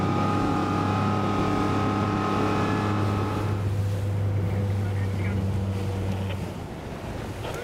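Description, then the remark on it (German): A boat's engine drones steadily over rushing water and wind as many boats travel together in a boat parade. The deep motor hum dominates at first, then grows rougher and fades away near the end. “Bei so vielen Schiffen auf dem Wasser gar nicht so einfach.”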